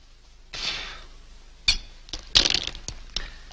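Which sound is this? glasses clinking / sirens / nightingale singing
glasses clinking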